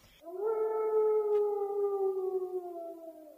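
A red wolf lets out one long, mournful howl, loud, holding a steady tone that slowly sinks in pitch over about three seconds, with no other sounds around it.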